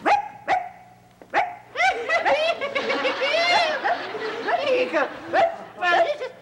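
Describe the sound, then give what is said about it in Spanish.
A person imitates a small dog barking, likened to a chihuahua: a few sharp, high-pitched yips, then a longer, busier run of squeaky yapping, loud, with voices and a hint of snickering mixed in. “Parece perro chihuahueño.”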